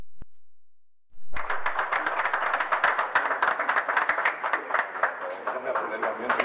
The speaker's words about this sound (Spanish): Un aplauso.